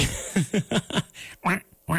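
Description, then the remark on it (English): A duck quacks in a quick series of about six nasal, downward-sliding calls, loud, with short gaps between them and no talking. “The rest of the week, you should be a duck.”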